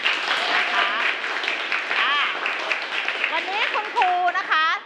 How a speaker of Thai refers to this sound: เอาปรบมือหน่อย